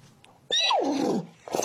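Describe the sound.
A person imitates a horse's whinny, saying "Sidetracked" in neigh: one loud, wavering call that starts high and slides downward, followed by a brief breathy sound.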